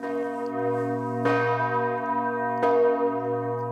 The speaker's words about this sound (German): Je nach Tageszeit oder an Festtagen schwingen die Glocken unterschiedlich, zum Teil auch mit Glockenspiel.